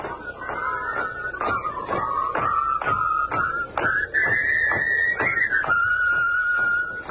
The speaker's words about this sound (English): All I'm doing is whistling and marching.